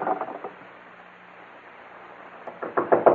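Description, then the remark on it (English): Rapid, heavy knocking on a door by men demanding the occupant inside open up, in two bursts, a brief flurry at the start and a louder, more insistent pounding near the end, with a faint low hum between. “Open up, Morgan. We know you're inside. Open up, Morgan. Push the door in”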